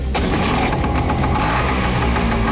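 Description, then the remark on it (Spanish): A small, cheap motorcycle (a "chirrimoto") is started; its engine sputters to life and settles into a loud, rattly idle, its steady low chugging filling the whole clip. “Prende la moto”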